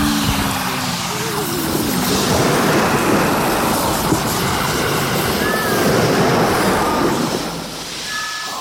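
A loud, steady roar of rushing water churns and rumbles throughout as water floods below deck of a sinking ship, with a low heavy rumble underneath and no voices.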